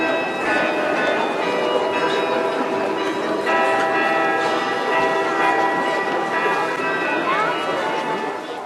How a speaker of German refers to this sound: Im Wiener Walzertakt zu den Klängen aus dem Roten Turm, die Stadtkarillonneur David Drambian dort auf dem größten Glockenspiel Europas spielte